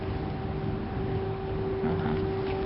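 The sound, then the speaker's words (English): An air raid siren in Odessa, Ukraine, sounds as a steady, sustained mid-pitched tone held without a break for the whole moment, over constant low rumbling noise. No one speaks. “It's a siren.”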